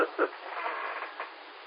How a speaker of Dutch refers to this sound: Ik hoor helemaal, die frequentie helemaal niks, hè. Dus ik hoor alleen maar de ruis dan.